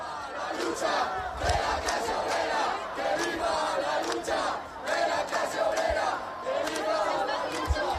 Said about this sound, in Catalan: També s'han sentit insults en contra del president del govern estatal i des de dins, després d'un fort cordó policial, els crits des de l'acampada són aquests.